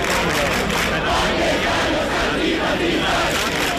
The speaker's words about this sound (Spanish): Sonido que nos llega esta madrugada desde la Puerta del Sol, donde cerca de un millar de personas, según el sindicato de inquilinas, permanecen acampadas por tercera noche consecutiva.